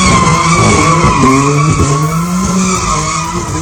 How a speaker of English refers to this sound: A man caught on CCTV doing donuts in his pink BMW surrounded by crowds of people in Southampton has been jailed for 6 months.